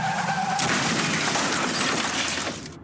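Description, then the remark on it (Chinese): A brief high tire screech gives way to a loud, life-threatening car crash in a TAC drink-driving warning ad, with crunching metal and shattering glass that roars for about two seconds before cutting off abruptly. “继续直行，可能就是一场危及生命的车祸。”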